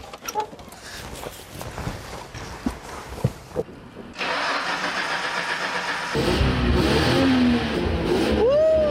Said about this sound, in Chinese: 哎，我能不能上去踩一下油门，听一下声音？ 发动，发动， 啊， 感受一下啊。